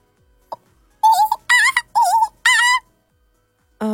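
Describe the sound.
A voice imitates a monkey with four loud, rising-and-falling hooting calls in quick succession, preceded by a brief click and followed by silence.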